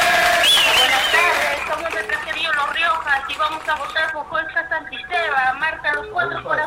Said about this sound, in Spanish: Una bulla, un grito. Ahí está, gracias.